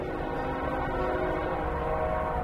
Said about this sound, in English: Sometimes the train rolling through Sunbury, Pennsylvania on 3rd Street, just one block away, sounds like it's pulling up to the house.